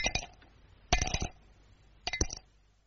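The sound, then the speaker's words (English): Three Cape plum stones clink into a dish one after another, each a bright, ringing tap with a brief rattle, spaced about a second apart with quiet between them. “There's a very sweet sound to Cape plums when you have them for afters.”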